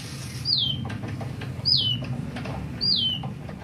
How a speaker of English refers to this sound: That is a fake bird that's been heard around the world at this point. Molly, who, as you heard, originated here in Seattle. The artist's name is Bliss Kolb.